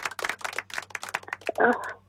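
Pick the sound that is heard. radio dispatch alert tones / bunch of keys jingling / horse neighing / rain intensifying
bunch of keys jingling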